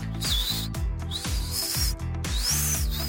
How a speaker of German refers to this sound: Ich kann auch noch mit den Ohren wackeln und durch ein Mikromillimeter Zahnlücke vorn, hier beim, kann ich auch pfeifen. Ich probiere es mal.